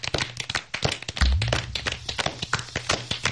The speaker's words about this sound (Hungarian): Tapsoljuk meg farkas urat. Remek volt.